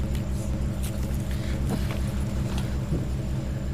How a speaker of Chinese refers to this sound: 这冰箱怎么这动静？是不是坏了？ 正修着。